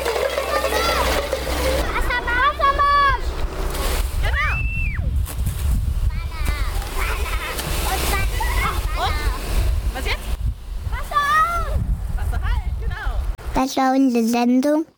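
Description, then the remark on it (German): A fire hose, the second hose turned on, sprays water in a steady, rushing hiss during a kindergarten fire safety lesson while excited children chatter and call out over it; the spray cuts off near the end, leaving only voices. “Genau, zweites Rohr Wassermarsch.”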